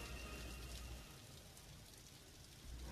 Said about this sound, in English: Oh, my. It is cold out here. And that rain is chilling. March the 4th, 1861, on the steps of the Capitol, Washington, D.C.